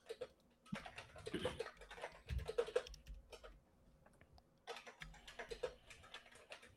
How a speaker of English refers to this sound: Oh, there we go. It just says I was typing it in, the bot picked it up.